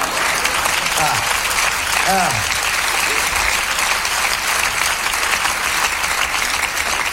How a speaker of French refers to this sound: Vous voyez, ils sont tous enculés, ils applaudissent quand même, quoi.